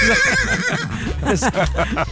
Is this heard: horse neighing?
yes